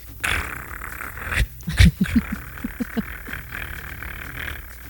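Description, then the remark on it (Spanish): A small dog growls angrily in a quick series of short, throaty pulses that rise and fade over a couple of seconds, over a steady background hum. “A un perrito está bravo.”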